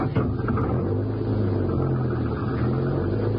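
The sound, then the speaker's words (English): A car engine starts and runs with a steady, deep rumble and a low droning hum throughout, loud and unbroken, with no voices over it, as the car is driven off down the road. “Start her up and go down the road away.”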